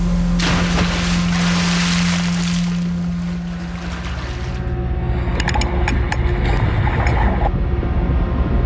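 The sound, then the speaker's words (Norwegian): Steady watery churning with a low engine-like hum in the first half, followed by a run of splashes and sloshing as a diver in a suit with a red hood, oxygen tanks on his back and an air mask walks out into the water. No one speaks. “Så går han ut i vannet.”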